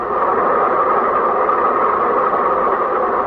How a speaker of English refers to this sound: The bus has to pass the railroad crossing, too, and the train is at the railroad crossing.